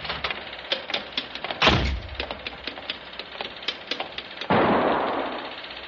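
gunshot

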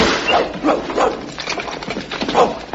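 large dog barking

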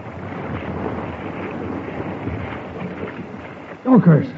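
stormy night

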